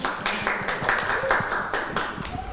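A group of children clapping for a classmate, in a steady, fairly loud burst of applause, with irregular overlapping claps and faint voices mixed in.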